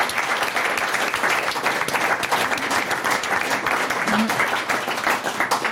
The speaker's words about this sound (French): On applaudit ce magnifique défi.